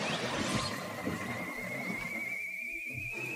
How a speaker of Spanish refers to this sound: El tropel de caballos se aleja y se pierde en la distancia.